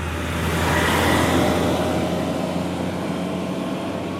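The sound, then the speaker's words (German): A heavy garbage truck in Selvina rumbles past, its loud diesel engine droning and swelling briefly before holding steady under a broad wash of road noise; no one speaks. “Müllauto von Selvina.”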